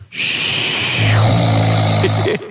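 A man asleep in his bedroom at 6:12 in the morning snores loudly, one long, harsh, rattling breath lasting a couple of seconds, with nothing else audible.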